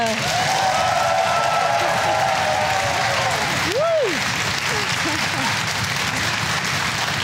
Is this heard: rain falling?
no